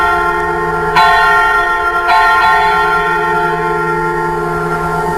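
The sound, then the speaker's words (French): The bells of Notre-Dame ring continuously, with fresh strikes about every second blending into a dense, resonant wash of overlapping tones that hum and sustain throughout. No voices are heard. “Effectivement, ouais, en plus, oui, les cloches de Notre-Dame, effectivement.”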